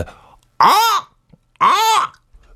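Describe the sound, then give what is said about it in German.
A person imitates the call of a goshawk (Habicht) with two loud, drawn-out screeching cries, each rising then falling in pitch, separated by a short pause. “Ein Habicht, der Vogel Habicht. Okay, der fliegt hoch in der Luft. Ah ja, wie macht er denn?”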